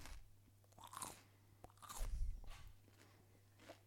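Someone bites into a piece of crisp celery and chews on the mic, several sharp, wet crunches in bursts over a low steady hum, with no talking.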